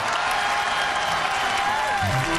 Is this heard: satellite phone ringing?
no